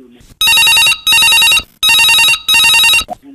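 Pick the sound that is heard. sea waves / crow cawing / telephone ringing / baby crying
telephone ringing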